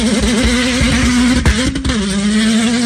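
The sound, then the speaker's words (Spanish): An R1 sport motorcycle engine starts and runs loud and continuous, its throaty pitch wavering up and down with short revs before settling into a steady, slightly lower idle-like drone. No one speaks. “Este es el sonido. Este es el R1, ¿verdad? Sonido R1.”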